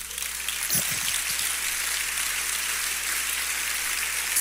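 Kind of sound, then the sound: crowd, audience applause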